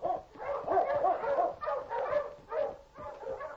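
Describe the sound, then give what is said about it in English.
Sled dogs bark and yelp excitedly in a rapid, overlapping series of calls as the dog team is started to pull a sled, loud, with no one talking. “Now get the dog started, quick. Mush! Mush, get along here!”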